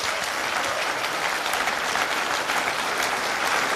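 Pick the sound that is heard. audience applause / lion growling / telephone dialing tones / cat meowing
audience applause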